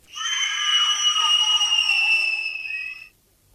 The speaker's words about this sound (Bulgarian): Чуваш ли ги? Чуваш ли ги как крещят? Не разбирам къде са им гласните струни, щом нямат вратове за извиване.